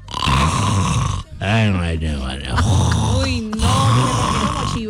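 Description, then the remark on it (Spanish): A man snores loudly and raggedly, with rasping, guttural breaths repeating, some drawn-out and groaning, filling the whole stretch with little pause. “A mi un novio me llega a roncar de esa forma y le voy poniendo su media, su calcetín en la boca para que uy, no.”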